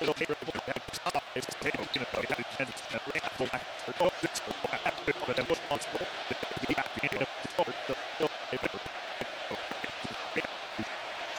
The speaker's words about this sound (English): Crowd chanting something we can't quite hear. I'm trying to decipher what they're chanting. It is something negative towards Chicago.